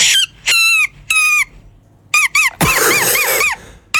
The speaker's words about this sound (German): Nein, sie hat einfach nur ein Blatt genommen, einfach so einen kleinen Grashalm zwischen die Hände gemacht und dann hast du dieses Geräusch gemacht. Das war ja Weltklasse.